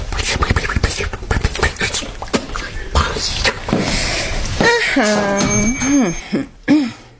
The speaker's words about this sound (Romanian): Pentru ce încui ușa? Poate să vie iar cineva să ne facă deranj.